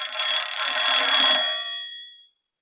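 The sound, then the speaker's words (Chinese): A telephone bell rings once in a loud, continuous metallic burst lasting about two seconds, then quickly fades out; it is a call for the squad leader in a film scene. No voices are heard. “哎，啊，班长电话。”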